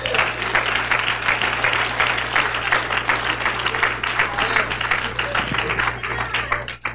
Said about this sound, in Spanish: Si es para el Señor, déle ese aplauso.